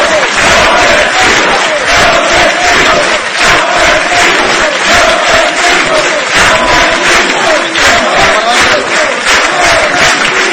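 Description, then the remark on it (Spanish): A large crowd at a Real Madrid event applauds and cheers continuously as Ronaldo and Roberto Carlos stand on stage and Florentino Pérez waves, a dense, loud roar of clapping and shouting voices that stays steady throughout with no pauses. “Aplauso de Ronaldo, de Roberto Carlos, en el escenario, mientras Florentino saluda.”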